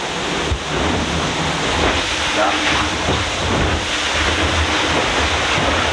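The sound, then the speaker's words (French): A boat accelerates and powers through choppy water with a steady roaring rush of engine and spray, low thumps marking the hull slapping against small waves. A voice briefly speaks at one point. “Il y a d'abord le bruit du bateau qui accélère dans la vague.”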